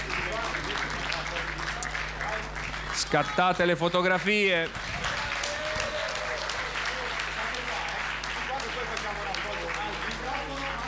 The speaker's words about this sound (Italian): Oh, facciamogli un bel applauso, la consegniamo.